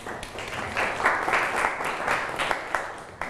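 A small group of students claps for a classmate during a maths lesson, a steady, dense patter of applause for about three seconds, with no one speaking over it.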